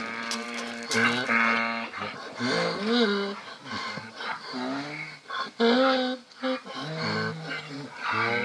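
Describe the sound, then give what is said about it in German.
Donkeys bray loudly, a string of harsh, wheezing hee-haw calls see-sawing between high and low pitches, repeating without pause for several seconds. “Das Iaan der Esel klingt für uns auf jeden Fall immer musikalisch.”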